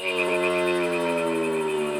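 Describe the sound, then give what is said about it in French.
A huge stag calls as night falls, a loud, drawn-out bellow with a rich harmonic tone that holds steady for about two seconds while its pitch slowly sinks, with no other sounds around it. “Mais dites donc, c'est pas une grenouille qui fait ce son-là quand même.”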